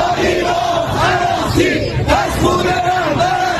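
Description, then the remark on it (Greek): Hardline protesters in the streets of Tehran, Iran, chant slogans against the Iranian leadership and demand revenge for the late Ayatollah Ali Khamenei, in loud, rhythmic unison, voices rising and falling together in steady repeated phrases over a dense wash of shouting. “Στην Τεχεράνη, σκληροπυρηνικοί διαδηλωτές βγαίνουν στους δρόμους και φωνάζουν συνθήματα κατά της Ιρανικής ηγεσίας και ζητούν εκδίκηση για το αίμα του εκλυπώντος Αγιατολλάχ Αλί Χαμενεΐ.”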